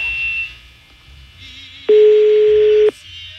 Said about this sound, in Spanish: Sonando el teléfono